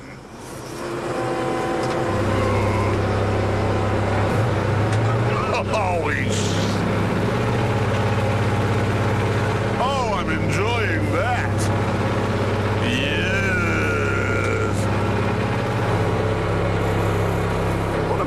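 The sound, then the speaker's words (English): The heavy diesel engine of a roller on a farm, its vibration switched on, drones loudly and steadily, a deeper pulsing thrum kicking in after about two seconds, with a few brief rising and falling whines sweeping over the constant rumble. “Now, I think I pushed that green one to make it vibrate.”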